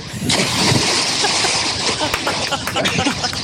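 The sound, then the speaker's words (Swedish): A loud splash of a person jumping into the Ljusnan river, followed by sloshing and churning turbulence lasting a few seconds. “Där kan vi snacka plums!”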